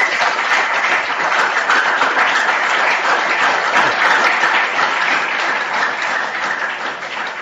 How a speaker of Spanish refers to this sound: A Monseñor, gracias por estar aquí entre nosotros. Gracias porque ayer llamó y dijo, sí, puedo ir. Y aquí está. Así que le damos un fuerte aplauso por su presencia.